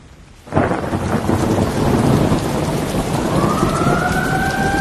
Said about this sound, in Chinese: 刺耳的警报声划过，大雨倾盆，豆大的雨珠砸在雨伞上。